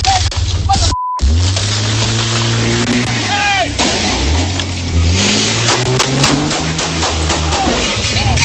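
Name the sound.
truck engine revving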